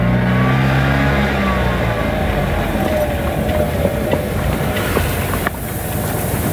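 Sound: car driving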